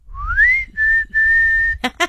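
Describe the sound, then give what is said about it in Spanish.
A person whistles a family's special signal call: a rising note, then two long held tones, clear, followed by a couple of brief breathy bursts. “En tu familia tienen un silbido especial.”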